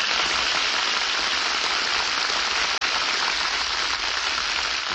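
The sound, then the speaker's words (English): A large radio studio audience on Screen Director's Playhouse applauds stars Bob Hope and Jane Russell steadily and loudly, a dense wash of clapping that holds at an even level from start to finish with no voices over it. “Hear that applause?”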